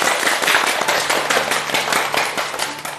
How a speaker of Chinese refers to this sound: 我们掌声欢迎。